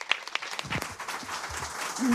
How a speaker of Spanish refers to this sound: Bueno, se escuchan los aplausos hasta más allá de lo que vemos